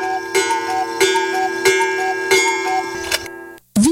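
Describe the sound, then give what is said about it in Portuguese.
A steady electronic chime tone plays under an even, clock-like ticking, about one tick every two-thirds of a second, then cuts off abruptly before a short rising tone at the end. It is the time signal of the community radio station Província FM, marking 21:05. “Informa a hora certa.”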